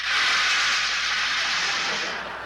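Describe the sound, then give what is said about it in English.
A rain sound effect: a steady, loud wash of bright hiss that holds evenly for a couple of seconds, then eases slightly at the end, with no voices. “Just then, it started to rain.”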